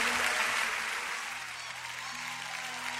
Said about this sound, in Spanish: denle el mejor de los aplausos.